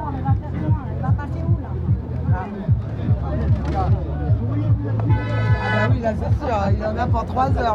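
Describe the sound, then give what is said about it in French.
Angry truck drivers blare their horns at a roadblock in sustained, overlapping blasts, one long honk standing out in the middle, over a busy background of crowd chatter and traffic noise. “Qu'est-ce qui se passe ? Ah, c'est des camionneurs qui s'énervent.”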